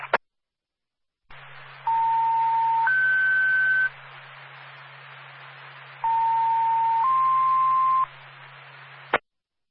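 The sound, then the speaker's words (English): A radio dispatch alert tone, requested by Ambulance 2 to call additional personnel for a lift assist, plays twice over steady static: each time a sustained mid-pitched tone steps up to a slightly higher one, with brief clicks at the start and end. “If you can give us a tone, appreciate it.”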